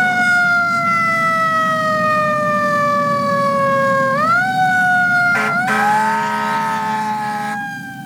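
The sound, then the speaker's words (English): A loud ambulance siren wails, its pitch sliding slowly down and then sweeping back up, over a steady low vehicle engine rumble, with no talking. “Quick! Somebody call an ambulance! 911! 911!”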